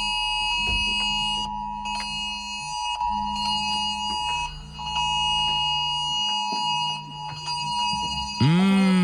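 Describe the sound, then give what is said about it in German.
A loud, harsh emergency warning tone blares from phones and smartwatches during the September warning day (Warntag), a steady piercing pulsing alarm with layered buzzing tones that keeps sounding for several seconds before shifting near the end. “Das ist, wie Zucker auf meinen Ohren, aber es soll ja gar nicht schön sein, denn das war natürlich der Warnton. Wir hatten am Donnerstag wieder einen Warntag.”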